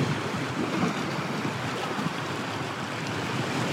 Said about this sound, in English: The waves do lap against the snow.